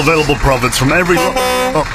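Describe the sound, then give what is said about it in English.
A truck horn beeps in a steady, flat blast near the end, following a stretch of voices talking. “Stop beeping, I'm making an ad.”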